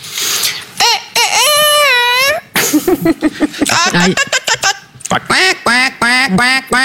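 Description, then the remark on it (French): A man's voice mimics a duck, giving a run of loud, nasal quacks, some drawn out and wavering, others short and clipped in quick bursts, with no other sounds around. “Mouette ou canard? Canard, là. Ah, canard.”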